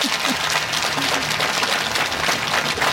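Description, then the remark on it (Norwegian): A room full of people applauding steadily, dense and continuous clapping that fills the whole moment, with no speech over it. The audience is applauding a guest, a former secretary-general of Redd Barna, for coming to tell her story. “Men nå skal vi prate om noe helt annet og mer personlig, men kanskje vi skal gi en applaus til Birgitte for at hun kom for å fortelle.”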